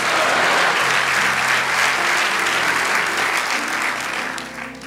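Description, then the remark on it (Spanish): Sustained audience applause given to the King of Kings and his name during a sermon, a dense, steady roar of many hands clapping at full volume that eases slightly near the end. “Vamos, dale ese aplauso al Rey de Reyes y a su nombre.”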